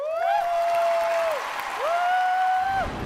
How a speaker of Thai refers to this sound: ขอเสียงปรบมือต้อนรับมินิคอนเสิร์ตจาก